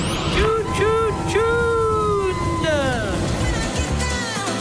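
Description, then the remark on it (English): Steady road traffic rumbles throughout, with several loud, wavering squeals from heavy vehicle brakes rising and sliding downward, before the engines settle back into a low drone. “This stupid traffic. Damn this traffic.”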